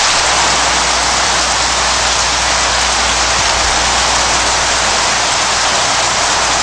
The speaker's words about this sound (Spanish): Está lloviendo otra vez. Nos ha pillado de nuevo el chaparrón justo al salir del rancho de Gigi Cale.